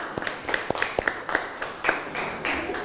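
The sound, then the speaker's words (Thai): A group of people clap for group 5, a ragged burst of many overlapping hand claps with sharp individual smacks standing out, steady and fairly lively throughout, with no talking. “ปรบมือให้กับกลุ่มที่5นะครับเก่งมากนะ”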